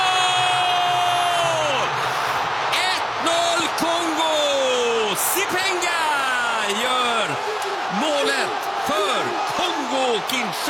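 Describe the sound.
A crowd erupts in loud, joyful cheering after a goal, with overlapping whoops and rising and falling shouts from many voices sustained at full volume throughout.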